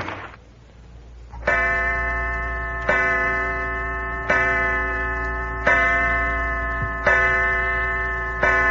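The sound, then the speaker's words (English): A clock chimes six o'clock: six resonant bell-like strikes at a steady, unhurried pace, each ringing on and overlapping the next, clear with no voices. “Six o'clock, Mother's late.”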